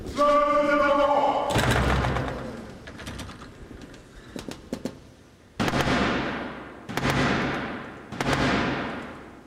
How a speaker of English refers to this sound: That was the 350-year-old tradition of the King's Messenger, the Black Rod, knocking to gain entry after having Parliament's door slammed in his face.